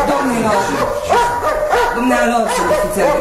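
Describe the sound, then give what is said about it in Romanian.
Several dogs bark and yip in a rapid, overlapping, loud burst with a whimpering edge, while voices murmur faintly underneath. “Domnilor, umblă tot timpul cu câinii după ea.”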